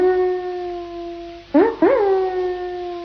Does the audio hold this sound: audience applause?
no